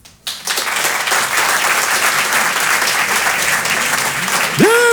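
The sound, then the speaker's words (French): An audience at a comedy sketch breaks into sustained applause in answer to a poll on who has read Racine, a dense, even wash of many hands clapping that starts abruptly and holds steady; at the very end a voice begins to speak over it. “Par applaudissement, qui a déjà lu du Racine?”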